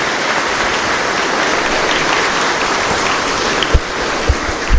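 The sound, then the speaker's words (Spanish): A crowd claps for the Blessed Virgin, the Virgen del Carmen, in steady, dense, continuous applause with no voices, holding an even loudness throughout, with a few sharper claps standing out near the end. “Otro fuerte aplauso para la Santísima Virgen.”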